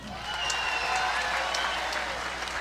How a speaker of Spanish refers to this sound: Atención. Aplausos por La Pirinola.